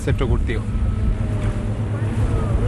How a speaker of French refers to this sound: On se dirige vers le site d'élevage. On en a pour 5-10 minutes en bateau à moteur. C'est à environ 1200 mètres depuis le rivage.